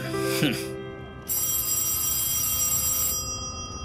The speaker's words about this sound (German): Jedenfalls klingelte in diesem denkwürdigen Moment mal wieder das Telefon.